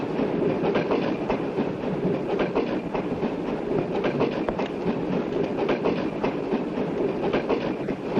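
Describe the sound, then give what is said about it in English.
A moving train clatters steadily along the rails, a continuous loud rumble with rhythmic clicking from the wheels, with no voices. “Stop the train!”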